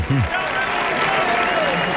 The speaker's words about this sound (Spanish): Así que un aplauso, por favor, para todos, que son los putos amos.